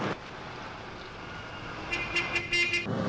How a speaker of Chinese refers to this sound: 按什么喇叭？很快就轮到你了。